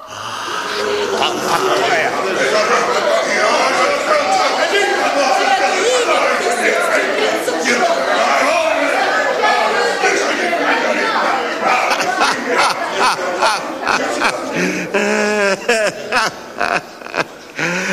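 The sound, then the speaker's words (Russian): A crowd of many voices at a feast shouts and cheers together after drinking a toast. The dense, continuous roar has overlapping cries and chatter that grow choppier and more broken toward the end. “То есть выпили мы довольно, покричали вдоволь.”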